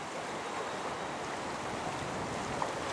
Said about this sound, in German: Freitag, der Fluttag. Der Sturm drückt die Wassermassen weiter in die Flensburger Förde. Am Nachmittag steigt das Wasser immer weiter.